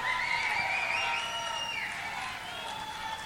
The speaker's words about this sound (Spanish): fuerte el aplauso a la pareja que representa a la región de la Araucanía, capital Temuco. ¡Aplausos para Temuco!